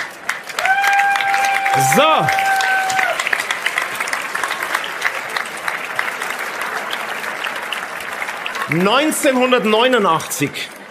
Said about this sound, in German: Also, ein Applaus vielleicht von unserem Publikum hier aus Rust.